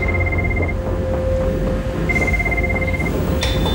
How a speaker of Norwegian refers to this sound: Vi fikk en telefon fra kontrollrommet. Det motormann som ringer på den interne telefonen. Og ropa at det var full fyr.